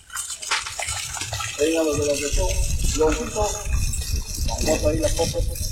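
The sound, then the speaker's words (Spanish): Steady rushing of water pouring from a tap at the handover of a drinking-water works, continuous and fairly loud, with voices talking over it throughout. “Y estamos haciendo la entrega de la obra de agua de salud.”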